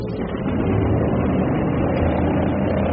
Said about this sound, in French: Les moteurs sont lancés et l'avion, pivotant tout doucement sur lui-même, roule lentement d'abord, accélère ensuite et disparaît rapidement dans la nuit.